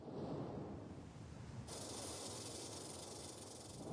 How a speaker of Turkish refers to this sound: Buna Kuzey Pasifik çıngıraklı yılanı denir. Bu bölgede yaygındır, zehirlidir. Bu uğraştığımız çıngıraklı yılan.